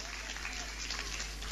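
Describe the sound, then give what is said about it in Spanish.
A church audience claps together during a sermon in a steady, dense burst of applause, filling the space with continuous hand-clapping at moderate volume for a brief moment. “¿Vio que algunos no aplaudieron?”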